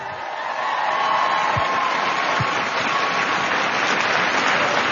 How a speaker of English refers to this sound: Thank you. Another round of applause for Commander Wiseman.